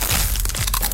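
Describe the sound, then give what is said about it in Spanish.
Loud crunching of a Crunch brand tortilla chip, a Costa Rican product, with crinkly bag rustling, a quick burst of sharp crackles and crisp snaps lasting under a second, with no voices. “Porque solo Crunch suena así.”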